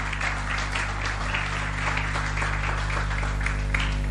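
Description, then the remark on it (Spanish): A church audience applauds the Lord during a morning service, a dense wash of many hands clapping steadily at an even level for about four seconds, over a low constant hum, with no voices standing out. “¿Por qué no le das tu mejor aplauso al Señor en esta mañana?”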